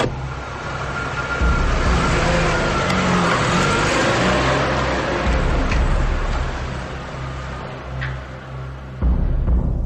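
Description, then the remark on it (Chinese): A sedan engine starts outside a door and rumbles loudly and steadily, with a deep low drone and occasional revving as the vehicle pulls away; no voices. “很快，门外响起了轿车发动的引擎声。”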